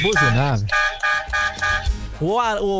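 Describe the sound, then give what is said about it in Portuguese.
A run of loud car horn honks at a buzinaço (horn-honking event), four or five short blasts in quick succession, framed by wavering, siren-like vocal tones just before and after. “Os caras querem buzinar”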